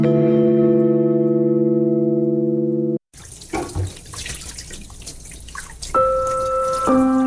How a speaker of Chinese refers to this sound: 宝贝儿，洗完手要关严水龙头哦。 妈妈，只滴了几滴水而已。